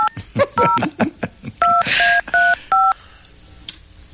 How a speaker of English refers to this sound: Estamos marcando otro número.